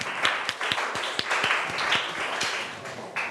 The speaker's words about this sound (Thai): ขอเสียงปรบมือให้เพื่อนของเราหน่อยค่ะ